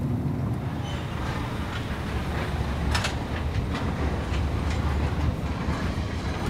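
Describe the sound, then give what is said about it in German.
Heavy, continuous rumble of a car-carrier train with scattered metallic clanks and rattles from the wagons, loud, with no voices, heard while standing on the train as cars are driven onto the wagons and railway staff check that they are positioned correctly. “Letztes Jahr im Sommer stand ich 5 Stunden hier auf dem Zug.”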